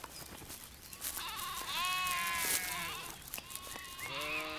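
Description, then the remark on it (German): Several sheep, used from spring to autumn to graze insect-rich dry grasslands and keep them from being overgrown by bushes and nettles, bleat in overlapping, wavering calls, some high and some lower, over a steady background hiss with no talking. “Damit die insektenreichen Mager- und Trockenrasen nicht von Büschen oder schnell wachsenden Pflanzen wie Brennnesseln überwuchert werden, sind die Schafe vom Frühjahr bis in den Herbst im Einsatz.”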